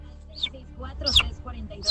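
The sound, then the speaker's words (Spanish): A small bird chirps several times in quick, high, sweeping notes, spaced irregularly over a low steady hum, with faint voices murmuring in the background. “¡Ay! Un pajarito.”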